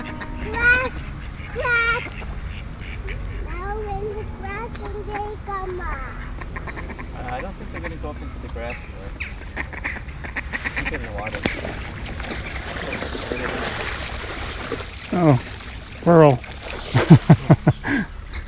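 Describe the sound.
Ducks quack repeatedly outdoors while being fed, a chorus of nasal calls that turns into loud honking bursts near the end, with soft splashing and faint voices in the background.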